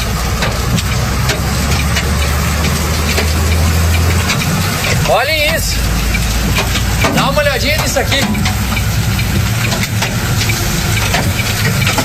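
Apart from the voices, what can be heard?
large hailstones falling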